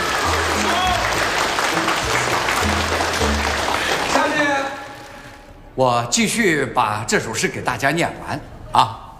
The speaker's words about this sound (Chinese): 掌声向一对新人表示祝贺，向新郎的母亲表示感谢。